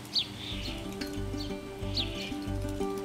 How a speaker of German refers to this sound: An den wenigen Gartenteichen herrscht im Sommer Hochbetrieb. Diese Spatzenfamilie kommt 2-mal am Tag zum Trinken und zum Baden.